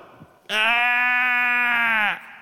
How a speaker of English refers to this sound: What's the bleating of sheep I hear? Those are oxen.